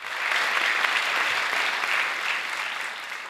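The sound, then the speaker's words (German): Steady, even applause from a concert audience as conductor Marco Comin bows and greets the audience and orchestra at his first symphony concert as Generalmusikdirektor, a dense patter of many hands clapping at moderate loudness for a few seconds, tapering only slightly at the end, with no voices. “Höflicher Applaus und erwartungsvolle Stille, als sich Marco Comin verbeugt, das Publikum und das Orchester begrüßt.”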